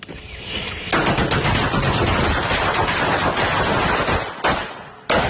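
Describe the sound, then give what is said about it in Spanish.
A long, rapid string of loud, sharp cracks from real firecrackers going off in a machine-gun rattle, pausing briefly before one more burst starts near the end. “Esos son cohetes de verdad, es un GIF de unos de una ametralladora.”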